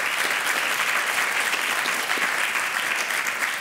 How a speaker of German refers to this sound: Er ist überall blockiert. Yes, Applaus dafür. Hammer. Genau so soll es sein.